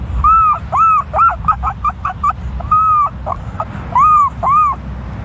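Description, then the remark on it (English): A 12-year-old boy imitates a herring gull: loud, wailing calls, starting with long rising-falling cries, then a rapid run of short yelps, then more long cries over a low rumble. “The herring gull.”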